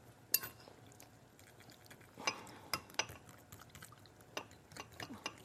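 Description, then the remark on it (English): A fork whisks a sauce of salt, fresh ginger and fresh garlic in a bowl, making quick, uneven clinks and soft scrapes against the sides. It's fairly quiet, with no talking. “I think that's a little too much work, so we're just gonna whisk this up. I'm gonna start with a fork.”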